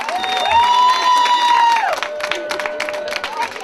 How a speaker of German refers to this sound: Applaus!